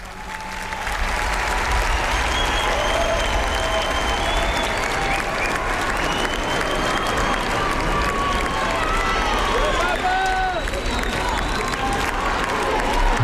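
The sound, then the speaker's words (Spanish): A large crowd of faithful at Montserrat cheers loudly and steadily for Pope Leo, with clapping and many voices merging into a continuous roar, while the shouted chant "Papa León te queremos un montón" and high whistles rise and fall above it. “Este grito de Papa León te queremos un montón.”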